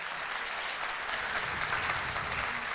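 Sustained, dense applause from a large audience welcoming the ambassadors being introduced, a steady wash of many hands clapping at once with no pauses and no voices standing out.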